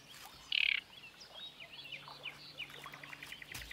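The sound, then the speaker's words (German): Harsh, scratchy calls from great reed warblers nesting deep in reeds ring out, one loud burst near the start followed by fainter chirps scattered over a soft, rustling outdoor background. “Auch die Drosselrohrsänger haben ihr Nest tief im Schilf versenkt.”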